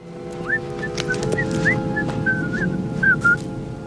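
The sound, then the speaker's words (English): A man whistles the tune Camptown Races, a bouncy, cheerful melody in short rising and falling phrases, clear, over a steady low background hum with no talking. “So I came up with this theme that used the Camp Town Races, which was being whistled throughout the piece.”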